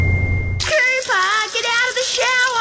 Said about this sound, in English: get out of the shower.